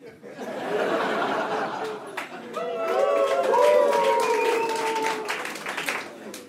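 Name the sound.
audience cheering and applause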